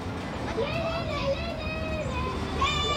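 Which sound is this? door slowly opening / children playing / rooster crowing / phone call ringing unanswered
children playing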